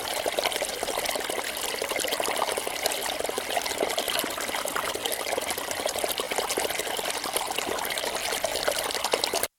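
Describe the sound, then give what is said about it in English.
A stream of fast-flowing water gurgles and rushes steadily over stones, fairly loud, with a constant bubbling texture and no voices. “It's fast-flowing water, rushing over stones, gurgling.”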